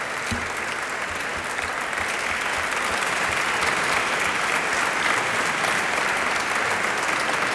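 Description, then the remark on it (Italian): Steady, dense applause from an audience for one of the master luthiers present at the event. A continuous wash of many hands clapping at an even loudness throughout, with no voices standing out. “ma ci sono poi i maestri liutai e io vorrei anzitutto fare un applauso a uno di loro che è qui,”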